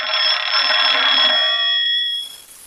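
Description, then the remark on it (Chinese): A telephone rings loudly for the squad leader, one continuous bright metallic ring lasting about two seconds before cutting off and fading quickly. No one speaks. “哎，班长电话。”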